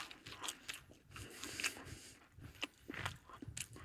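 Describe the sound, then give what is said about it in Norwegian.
Someone chews a bite of slightly crisp, heat-treated cinnamon bun dough, producing repeated soft, moist crunching and smacking bursts at an irregular rhythm, fairly quiet, with no talking. “Vi tar et godt tygg av den her.”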